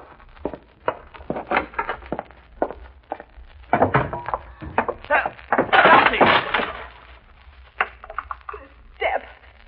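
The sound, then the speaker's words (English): A wooden step cracks and splinters under a woman's foot, a burst of snapping and crunching wood among scattered thumps, with voices exclaiming through the commotion. “First this nail and now this step.”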